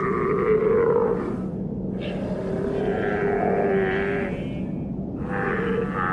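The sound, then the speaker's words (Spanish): Seals of the Southern Ocean in Antarctica, between the ice and the ocean, vocalizing in a steady stream of loud, low grunting and bleating calls, with drawn-out harmonic moans overlapping one another and only a brief dip midway. “Las focas del Océano Antártico viven entre dos mundos, el hielo y el océano.”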